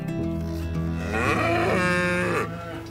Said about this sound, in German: heute haben wir alles vorbereitet, dass die Kühe zum allerersten Mal für dieses Jahr auf die Weide können. Und wie ihr seht, die stehen hier hinter uns schon und sind ganz aufgeregt und nervös und freuen sich, dass es losgeht.